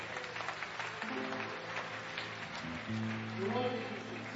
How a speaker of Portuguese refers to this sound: Vamos louvar a Deus com aplauso bem forte para Cristo.